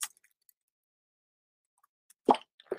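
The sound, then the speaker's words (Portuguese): A quiet pause, then a wet gulp followed by a second, softer swallowing plop, the sound of someone taking a small sip of water. No talking. “Vou tomar um golinho de água, viu?”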